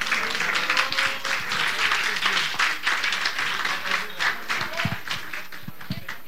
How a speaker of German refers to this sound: Sehr schön. Gibt es nochmal einen großen Applaus für die Musik?